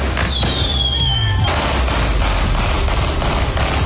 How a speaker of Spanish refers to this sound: Con disparos, fuegos artificiales, un auto quemado y sin detenidos, se realizó un velatorio simbólico en la comuna de Quilicura.